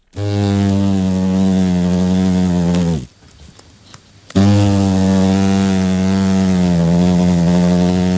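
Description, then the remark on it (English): Loud buzzing of big adult hornets in flight in New Zealand, a deep steady drone that cuts out briefly partway through, then resumes just as strong. No voices. “But once on the wing as adults, these big hornets get a lot hungrier, and the sound is more ominous for us and the New Zealand economy.”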